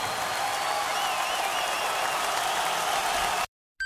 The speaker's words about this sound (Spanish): ¿Alguien quiere celebrar a Cristo en esta noche? Un aplauso fuerte a Él.